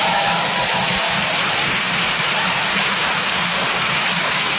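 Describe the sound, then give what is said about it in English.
A comedy show audience applauds the Tom Papa dancers in a dense, steady wash of clapping that stays loud and even throughout, with no voices rising above it. “A big round of applause for the Tom Papa dancers.”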